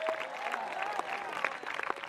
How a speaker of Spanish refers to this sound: Dele fuerte ese aplauso al Cristo de la gloria, a su nombre.